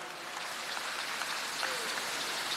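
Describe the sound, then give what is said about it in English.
A church audience claps for themselves steadily for a few seconds, a dense, even patter of many hands with no voices over it, fairly soft throughout. “Clap for yourselves, you've done well.”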